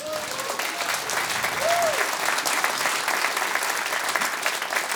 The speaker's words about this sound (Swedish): Varm applåd till Merit!